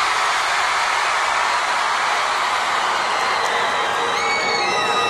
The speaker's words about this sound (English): I'm gonna point to a part of the crowd and we're gonna see who can scream the loudest. All right? One, two, three, this side!